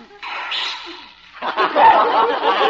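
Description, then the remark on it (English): A Pekingese dog called Princess Lotus Blossom, being given a bath, sneezes in sharp, breathy bursts, the first a single snort and the second a longer snuffling flurry, fairly loud with no talking underneath. “Gesundheit, Your Highness.”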